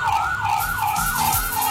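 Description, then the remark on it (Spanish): A loud siren from an ambulance stuck in heavy traffic wails in a fast, repeating up-and-down pattern over a steady low rumble of engines and road traffic. “Hasta ambulancias atascadas ahí en medio del tráfico.”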